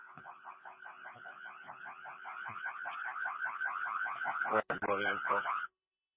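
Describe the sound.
A building alarm, set off by a door being opened, rings continuously in fast, steady pulses, loud and slightly tinny as if heard over a radio, with a brief muffled voice breaking in near the end before it cuts off.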